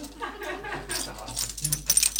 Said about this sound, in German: und klimpert mit ihrem Schlüsselbund.